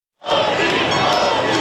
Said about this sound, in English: massive crowds celebrating the NBA champion New York Knicks at a large parade up the historic Canyon of Heroes.